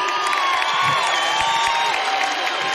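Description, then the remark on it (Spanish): A large audience at a live music performance applauds and cheers steadily after the performer asks for applause, a dense wash of clapping and shouting with high whistles cutting through, loud and sustained throughout. “Así que un aplauso para ustedes, por favor, gracias por estar aquí.”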